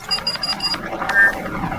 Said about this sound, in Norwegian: ta så slå av den jævla kaffetrakteren nå.